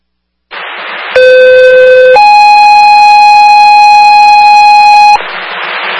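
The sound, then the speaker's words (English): Fire dispatch alarm tones over a radio, a shift alarm sending engine 1 to a chemical spill on Marvin Ave near Beaver Street: a brief burst of static, then a loud, steady low tone for about a second, followed by a longer higher tone, with hiss returning afterward. “Central Fire, shift alarm, engine 1.”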